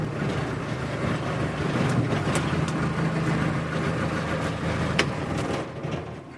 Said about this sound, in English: To get a peek inside the Martin Mars, first you take a three-minute boat ride in a skiff that travels as part of the support entourage.